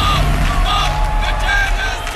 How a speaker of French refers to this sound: Bruit de sifflet et slogan « Arrêtez le génocide en soutien à la Palestine », tendez l'oreille.